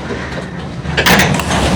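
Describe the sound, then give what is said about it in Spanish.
A door at the Lou Stadium, home of Inter Miami, is pulled open into the Inter Miami locker room with a brief rattling whoosh about a second in, over a steady low rumble of background noise. “Vamos a abrir esta puerta.”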